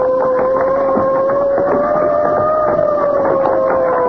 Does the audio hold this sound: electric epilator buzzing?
no